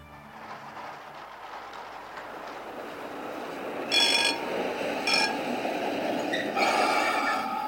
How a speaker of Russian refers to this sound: Я сел в трамвай. Кондуктор! Да, сэр? Этот трамвай идет за город? Да, последняя остановка отсюда за 2 мили. Спасибо, мне туда и надо. Трамвай тут открытый. Лавки поперек, ступеньки с обеих сторон во всю длину.